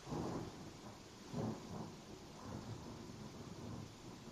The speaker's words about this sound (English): Thunder, lightning. That's amazing.